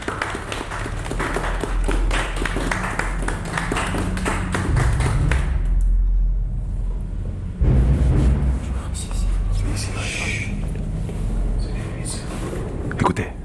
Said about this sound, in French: Ils applaudissent tous Madjigen.